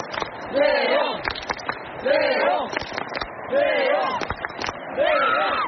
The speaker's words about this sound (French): il a traversé cette fosse dont on vous parle depuis le début de la soirée sur France Info pour aller au cœur de la foule sur une estrade, et il est, vous l'entendez derrière moi, acclamé par les tribunes. Écoutez.